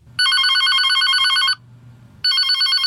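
A telephone at a bank rings loudly in two bursts, a long trilling electronic ring, a short pause, then the ring starts again, with a low hum underneath.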